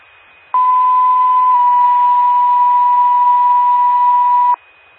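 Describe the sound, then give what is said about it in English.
A loud, steady alert tone from a test of the Coupon County 911 paging system holds one pitch for about four seconds over faint radio hiss, then cuts off abruptly. “Buckrow Fire Department, this is a test of the Coupon County 911 paging system.”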